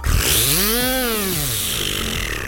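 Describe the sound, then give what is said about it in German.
A voice imitates a buzzing New Year's Eve firework spinner (Silvesterbiene), a loud continuous whirring buzz whose pitch swoops up and then slides back down, lasting a couple of seconds without pause. “Ich kann mit meinem Mund eine Silvesterbiene nachmachen.”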